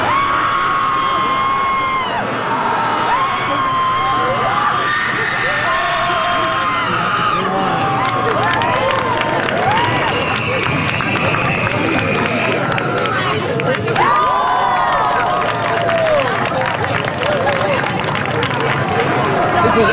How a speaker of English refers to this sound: Awesome. The release of energy in such a positive way is wonderful. Not only is there a group guttural scream, there's also a screaming contest with points for volume, duration, and style.